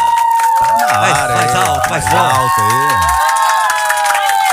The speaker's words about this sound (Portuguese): Mas vamos receber com salva de palmas ele, Geovane Lobo Bananinha.